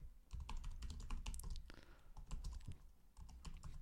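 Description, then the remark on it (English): Rapid, irregular, furious clicking and clacking of keys on a computer keyboard as someone looks something up, fairly loud, keeps up steadily for a few seconds with no voices. “I hope you hear the furious clicking and clacking.”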